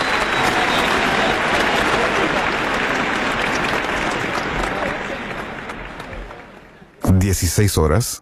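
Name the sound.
large audience applause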